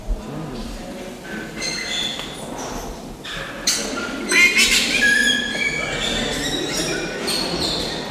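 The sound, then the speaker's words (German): Loud, harsh squawks and shrill squeaks of Erzlori lory parrots burst out repeatedly, peaking in a raucous cluster midway, over a steady noisy background. “Dafür sind die da laut. Erzlori.”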